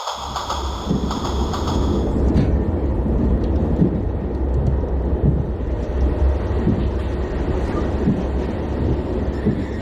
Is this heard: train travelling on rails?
yes